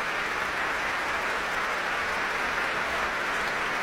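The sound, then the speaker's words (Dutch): Sustained applause from a large concert audience in Amsterdam for a South Korean pianist after Tchaikovsky's first piano concerto with the Concertgebouw Orchestra, a dense, steady wash of many hands clapping at an even level for the whole stretch, with no voices over it. “En een heel groot applaus hier in Amsterdam.”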